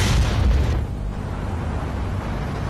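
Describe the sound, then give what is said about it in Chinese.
A loud, booming blast bursts out at once as a gourd-shaped pressure cooker popping machine on a blackened stove is released, popping chickpeas, then trails off into a rushing, hissing roar that fades but lingers to the end. “黑乎乎的火炉，葫芦形的压力锅，以及那惊天动地让人既害怕又向往的一声巨响。”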